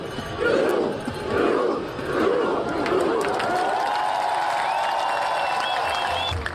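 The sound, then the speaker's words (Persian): A huge crowd of more than 100,000 people holding flags in the square in front of the Royal Palace in Oslo, Norway, welcoming Norway's football team, roars and cheers in rhythmic surging chants, then settles into a sustained wall of shouting and whistles, loud and continuous throughout. “بیش از 100,000 نفر میدان مقابل کاخ را پر کردند. با پرچم‌هایی در دست و فریادهایی که تلخی شکست مقابل انگلستان را برای واکینگ‌ها از یاد می‌برد.”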